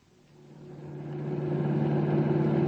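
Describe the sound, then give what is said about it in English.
A car engine, driving at about 90, drones steadily with strong low harmonics, swelling louder over a few seconds as if speeding up, a continuous rumble with no voices. “This rocket could lose any motorcycle or any cop's car.”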